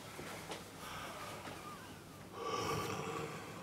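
Heavy open-mouthed deep breathing of a patient with asthma as a doctor listens to the lungs: a long, rushing breath in followed by a stronger, louder breath out, with no one talking.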